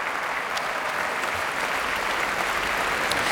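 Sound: concert hall applause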